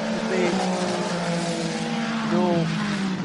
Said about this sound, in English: 499 cubic centimetres for each one of the six cylinders that is behind the driver's head, pushing that car forward.